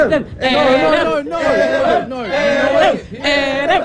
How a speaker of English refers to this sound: And now there's a crowd forming.